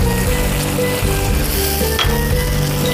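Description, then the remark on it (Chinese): Cooking wine is added as the last step to a hot wok of spicy chili chicken (la zi ji), hitting it with a loud, steady sizzle that hisses continuously for a few seconds, with faint stirring scrapes underneath and no voices. “然后最后来酒，”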